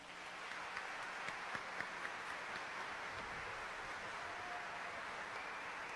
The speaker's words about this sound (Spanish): El director de orquesta. Vamos a llamarlo con un fuerte aplauso a la cuenta de tres. ¿Están listas y listos? Una, dos, tres.